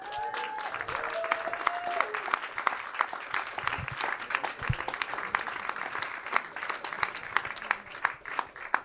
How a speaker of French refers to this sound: Et j'aimerais bien qu'on refasse un tonnerre d'applaudissements pour les intervenants.